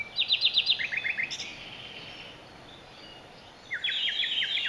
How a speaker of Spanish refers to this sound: El ruiseñor común, el rasiñol, es capaz de imitar unos 60 cantos diferentes tras escucharlos apenas unas cuantas veces.